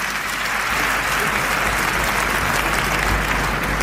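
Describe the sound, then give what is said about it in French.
Sustained audience applause at the 1992 César awards as Jacques Dutronc comes on stage to receive the César for best actor, a dense steady wash of many hands clapping at a constant loud level throughout, with no pauses and no voices standing out. “D'ailleurs, grâce à vos applaudissements, je suis d'abord très flatté, etc.”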